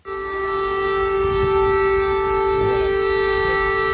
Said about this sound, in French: Cette alarme que vous entendez, les habitants de Kiev y sont tristement habitués.